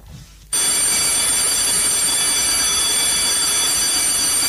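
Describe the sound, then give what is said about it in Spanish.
After a brief quiet moment, a program's loud electric announcing bell, rung to start the show, begins abruptly and rings continuously for about four seconds, a harsh, steady, high-pitched metallic clatter with no voices. “Voy a hacer que comience el programa, y para que comience el programa, damas y caballeros, tiene que sonar nuestro timbre anunciador.”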